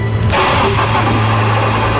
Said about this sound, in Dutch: En ik kan de motor hier niet uit elkaar halen. Hij maakt ook een heel raar geluid met starten.